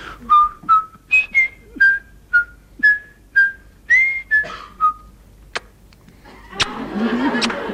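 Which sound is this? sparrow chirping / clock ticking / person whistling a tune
person whistling a tune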